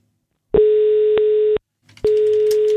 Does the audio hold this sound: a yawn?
no